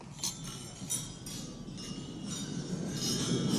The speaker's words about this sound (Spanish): Estaba yo escuchando el brindis en la cena ¿sí? de gala de Macron uh-huh. y quiero que escuchéis el ruido de las copas. Esto es real, ¿eh? En el brindis.